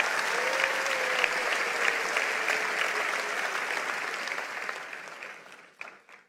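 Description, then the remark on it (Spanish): An audience at a Christian sermon applauds for the Lord in a steady, dense wash of clapping that fills the room, then gradually thins and fades out near the end, with a faint voice briefly audible beneath it. “Vamos, si lo crees, dale un aplauso al Señor.”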